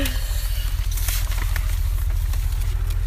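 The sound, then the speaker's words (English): Steady rain patters down with scattered sharper drops ticking through a constant hiss, over a heavy low rumble that runs throughout. “You're, of course, welcome to move under the roof if you feel it's raining too much.”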